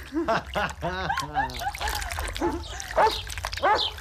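A dog lets out a quick run of short yelping barks and high whimpers, with a few more whines later over faint watery splashing in the background.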